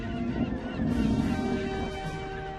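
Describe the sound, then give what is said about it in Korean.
A flock of seagulls on a beach squawking and calling over one another, a dense, raucous chorus of harsh cries that carries on steadily; the gulls are drawn by the smell of fish stored by a bear. “갈매기 너희들, 볼드페이스 얕보면 안 돼.”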